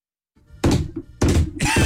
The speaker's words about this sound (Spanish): Y ahora sí se escuchó una puerta abrir.